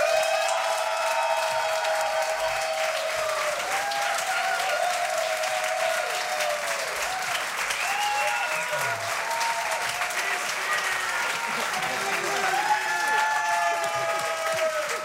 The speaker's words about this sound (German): Bitte Applaus für diese großartige Band.